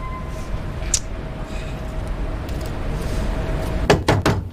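Three quick, firm knocks on a door land near the end, sharp, after a stretch of low background rumble with no talking.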